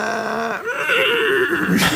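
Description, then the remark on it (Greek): A person imitates a horse's whinny, a loud, quavering neigh with wavering pitch that rises and trembles over about two seconds before breaking off. “καλά το κάνω το άλογο, καλά το κάνω.”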